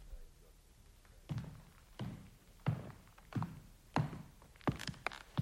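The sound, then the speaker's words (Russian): Footsteps of a nurse walking along a corridor: a steady series of about seven dull, thudding steps at an even pace, each a soft low thump with a slight scuff, growing a little louder toward the end. “Слышу шаги по коридору.”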